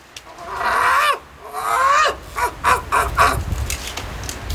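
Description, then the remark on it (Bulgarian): A seagull calls loudly: two long, wavering, harsh cries followed by a quick run of five or six shorter yelping notes, with no voices present. “Гларусът много вика, само дразни хората.”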